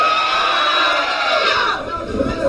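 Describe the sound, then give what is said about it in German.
A concert crowd screams and cheers loudly in a sustained, high-pitched roar that holds steady before easing slightly toward the end, with no clear speech over it. “Ihr müsst noch ein bisschen mehr schreien, denn ich habe ein paar Bands mitgebracht.”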